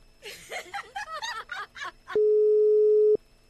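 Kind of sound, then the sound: signal or alarm, unanswered phone call tone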